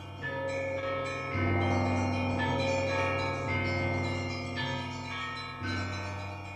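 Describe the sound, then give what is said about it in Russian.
Church bells ring out loud and resonant, several peals overlapping in a continuous clangor, with fresh strikes every two seconds or so layering over the long humming decay. No one speaks. The bells ring at half past five in the morning on 5 September 1912, at the birth of Ariadna Efron. “Аля, Ариадна Эфрон, родилась 5 сентября 1912 года в половине шестого утра под звон колоколов.”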